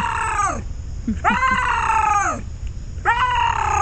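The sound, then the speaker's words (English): A bobcat's mating call: three loud, strained, scream-like yowls, each about a second long and sliding downward in pitch, separated by brief pauses over a low background rumble. “All right, this is a bobcat mating call.”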